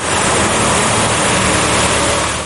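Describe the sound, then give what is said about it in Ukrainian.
A steady, loud rush of water being sprayed onto the streets of Lviv, Ukraine, to bring down heat of nearly 40 degrees fills the scene. It is a dense hiss with a low rumble like an engine beneath it, continuous without pause, with no one talking. “Стільки води на день виливають на львівські вулиці, аби хоч трохи збити спеку.”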